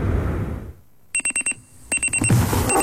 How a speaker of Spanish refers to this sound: El despertador.